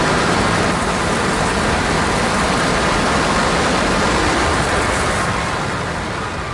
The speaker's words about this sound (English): A huge explosion now, raining debris on all of us. Better get out of the way!